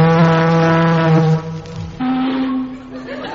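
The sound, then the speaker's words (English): A deep, loud ship's siren blasts for over a second and slides down, then after a short pause a second, slightly higher-pitched horn blast sounds and fades. “Sound the siren, Chief.”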